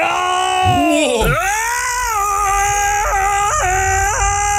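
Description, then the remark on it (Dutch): A person lets out a loud, drawn-out imitation of a lion's roar, one of several roars sent in to a radio show, strained and fairly high-pitched, swooping at the start and then wavering with a few catches for several seconds. “Ja, dit zijn een paar brullen die binnen zijn gekomen.”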